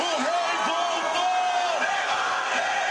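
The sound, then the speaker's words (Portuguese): Football fans in Bangladesh cheer and celebrate a victory of Brazil's national team in a loud, steady crowd roar, with voices rising into drawn-out shouts and whoops that carry over the dense noise throughout. “Torcida em Bangladesh faz festa depois da vitória da nossa seleção.”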